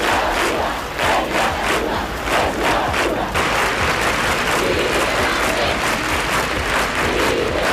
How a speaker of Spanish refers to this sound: Y la España que ya se había levantado para pedir la liberación de Miguel Ángel Blanco, a esta misma hora, 11 y 8, en aquel 12 de julio de 1997, se manifestaban vigilias con velas y con gritos desesperados.